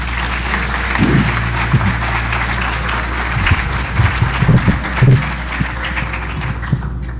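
An audience at the sixth International Poetry Festival 'Versos con Olor a Selva' breaks into sustained applause for the festival director, a dense wash of many hands clapping at a steady, fairly loud level for several seconds, with a few sharper individual claps standing out and no talking.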